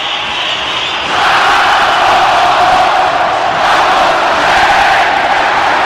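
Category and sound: crowd, stadium crowd roaring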